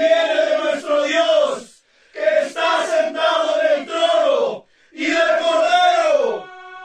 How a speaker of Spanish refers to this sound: Era tan grande que nadie podía contarla. Estaban de pie delante del trono y del cordero, vestidos de túnicas blancas y con ramas de palma en la mano. Gritaban a gran voz: ¡Los amos!